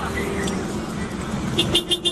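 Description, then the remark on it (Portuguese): A Scania truck horn gives a quick run of short honks near the end, rising over a steady wash of road and engine noise. “a diferença da buzina aí, ó. Da Scania.”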